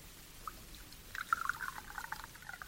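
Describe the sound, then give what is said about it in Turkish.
Zamzam water being poured for a baby to drink, a soft trickle of quick, bubbly gurgles that starts after a short pause and continues unevenly to the end, fairly quiet with no talking. “zemzemden biraz ver de bebeğe içirelim.”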